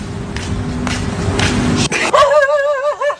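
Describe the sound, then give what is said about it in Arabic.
Rough outdoor street noise in Egypt with a rolling, scraping texture, then stray dogs bark and yelp in quick, wavering high-pitched cries over the last second. “انتشار الكلاب الضالة في الشوارع”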